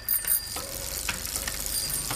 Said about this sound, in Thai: โอ้โหกลัวไม่รู้ว่ามีกระดิ่งกริ้งจักรยานหรือไงกดจังเลย